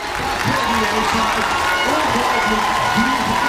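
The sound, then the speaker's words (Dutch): Hundreds of fans with Cape Verdean roots in a full cinema in Rotterdam, watching the match, clap and cheer loudly and without a break, excited shouts and voices rising over a steady wash of applause. “Applaus hier in Rotterdam. Uit een volle bioscoopzaal. Met dol enthousiaste fans.”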